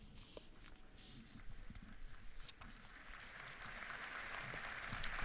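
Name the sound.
pilgrims applauding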